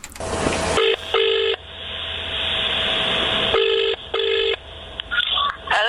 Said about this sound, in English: without any messing about, mate, just listen to this phone call.